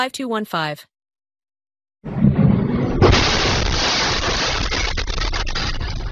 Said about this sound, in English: That is life in the Ukrainian capital, an explosion rocking Kyiv as Russia continues to hammer the Ukrainian capital with airstrikes.